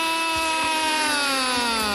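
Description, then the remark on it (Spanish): A vuvuzela blares to celebrate Colombia's goal, one long, steady, buzzy note, rich in harmonics, for the full two seconds, its pitch sagging slightly toward the end, with no voices over it. “¡Que suene la bubucera!”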